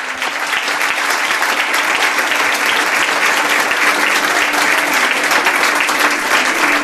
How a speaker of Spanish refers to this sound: os pide un aplauso para ella.